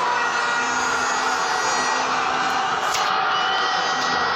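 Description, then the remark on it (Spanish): A crowd roars and cheers for the first goal, heard from the balcony of a house: a dense, continuous wall of voices that stays loud and steady throughout, with no single speaker standing out. “Desde el balcón de su casa me manda. Primer gol”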